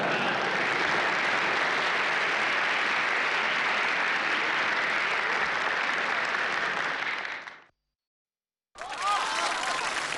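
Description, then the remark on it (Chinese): Warm, sustained applause from a large audience fills the first seven and a half seconds, then fades into a brief silence before another burst of clapping and crowd noise starts up. “感谢大伙把这么热烈的掌声给了我一个人”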